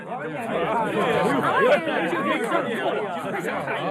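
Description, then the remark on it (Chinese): A dense crowd of theater audience members chatters all at once as many people pour out of a theater after a performance ends, overlapping voices forming a steady, fairly loud murmur with no single speaker standing out. “很快演出结束，大批的观众从剧院涌出来。”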